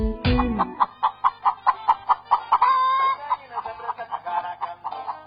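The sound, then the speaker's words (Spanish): Hens cluck in a quick, steady series of short calls, broken midway by a rooster's drawn-out crow, then the rhythmic clucking resumes. No voices are heard. “Huevos de gallinas felices y hortalizas agroecológicas.”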